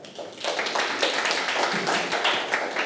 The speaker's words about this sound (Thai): เอาปรบมือให้กับเพื่อนค่ะ